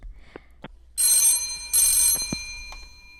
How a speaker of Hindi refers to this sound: तो चलिए, बहुत सारे फोन कॉल्स आ रहे हैं